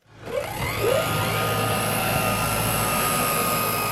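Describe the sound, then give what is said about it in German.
A drone's motor spins up quickly from silence and settles into a loud, steady high-pitched whine with a low hum beneath, as a drone of Frisia Luftverkehr Norddeich (FLN) is prepared for takeoff at the small Norden-Norddeich airfield on the coast of Lower Saxony, Germany. “Vorbereitung eines Drohnenstarts auf dem kleinen Flugplatz Norden Norddeich an der Küste Niedersachsens.”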